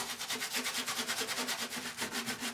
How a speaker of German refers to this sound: hat sich mittlerweile den Baustellenbulli gekauft und schrubbt ihn schon seit Tagen.